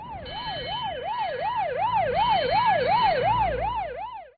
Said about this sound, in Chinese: 过了一会儿，一辆警车呼啸而至。